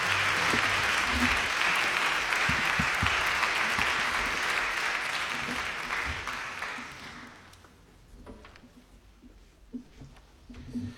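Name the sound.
concert audience applause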